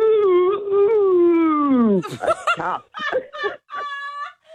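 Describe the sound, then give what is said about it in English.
A person imitates a cow with one long, steady moo lasting about two seconds and sliding downward in pitch at the end, followed by a few seconds of people talking. “Okay, that was a long moo.”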